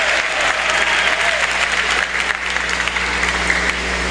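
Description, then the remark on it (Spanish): A church audience applauds God steadily, a dense, continuous wash of many hands clapping at an even, fairly loud level for the whole stretch, with no voices standing out. “Den un aplauso a este Dios maravilloso.”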